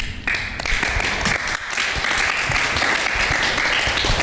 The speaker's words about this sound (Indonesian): Iya, luar biasa sekali. Tepuk tangan untuk Kak Haris.